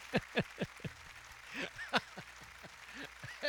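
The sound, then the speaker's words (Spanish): Scattered hand claps, crisp, sharp and moderately loud, with a faint murmur of voices underneath, like a small, sparse round of applause. “Dale el aplauso ahí.”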